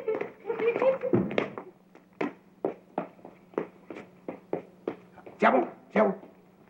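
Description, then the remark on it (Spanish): A small dog whimpers and yelps briefly, then breaks into a rapid run of about a dozen sharp, high barks, fairly loud, with a low steady hum underneath. “¿qué tal si jugamos con tu perrito?”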